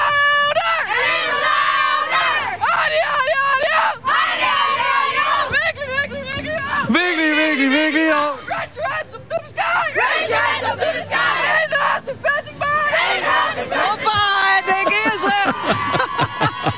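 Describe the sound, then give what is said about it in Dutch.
A dense, loud crowd shouts and cheers continuously, voices overlapping in high-pitched yells and chants with brief surging peaks, sustained throughout without pause. “Het is hier een Iergrutte drokte en gekte.”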